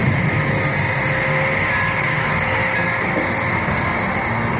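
Submarine engines run in a steady, unbroken mechanical drone, a dense rumble with a faint humming tone on top, holding an even loudness throughout with no voices.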